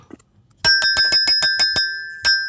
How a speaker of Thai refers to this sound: นะครับแล้วก็ปิดท้ายด้วยเสียงใสๆของคุณกระดิ่ง